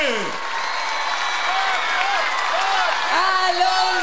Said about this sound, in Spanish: aplauso, por favor. ¡Más fuerte!